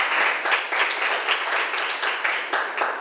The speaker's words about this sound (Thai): เก่งมากค่ะปรบมือให้เพื่อนหน่อย